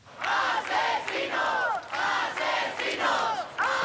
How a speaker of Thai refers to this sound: ชาวสเปนหลายร้อยคนรวมตัวกันด้านหน้าอาคารสภาท้องถิ่นกรุงมาดริดพร้อมทั้งตะโกนคำว่าพวกฆาตกร